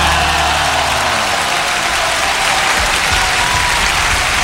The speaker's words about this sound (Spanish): aplauso para esta canción.